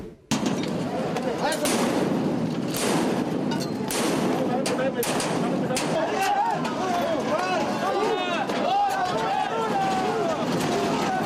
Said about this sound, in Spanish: Estalló la violencia en el corazón de la Ciudad de México. Maestros de la CENTE y policías capitalinos se enfrentaron a petardos en la avenida 20 de Noviembre.